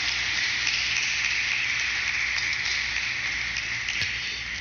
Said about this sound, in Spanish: Felicidades y bendiciones. Un fuerte aplauso.